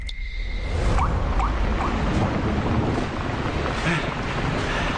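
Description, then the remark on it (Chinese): Steady rain hisses without a break at Zhaozhuang in Chonggang Commune, a dense wash of noise at an even, fairly loud level, with a few faint murmurs and clicks just under the downpour. “说来真巧，那次你父亲带着我和四洪当地的一位陈老师来到顺山籍，也是这样一个雨天。”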